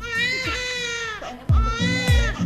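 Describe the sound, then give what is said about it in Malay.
A newborn baby cries loudly in two long, wavering wails, with a brief gasp between them and a faint low thump underneath. “Namun, sadarkah Anda bahwa bayi baru lahir tidak mengeluarkan satu tetes pun air mata saat menangis?”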